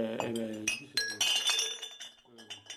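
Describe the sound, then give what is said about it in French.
Empty glass bottles clink against each other in a few bright, ringing knocks, with a voice talking over the clatter. “Tiens, celle-là, elle est déjà vide. Celle-là aussi.”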